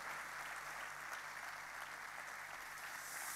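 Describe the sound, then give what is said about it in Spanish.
An audience applauds in a steady, dense wash of clapping that holds at an even level for a few seconds, with no voices rising above it. “De fuerte ese aplauso al cielo.”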